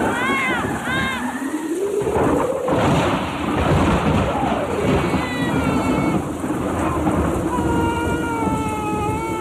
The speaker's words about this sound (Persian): شبی تیره بارانی با شدت باریده همه جا را صدای دهشت‌آوری رعد و برق فرا گرفته است.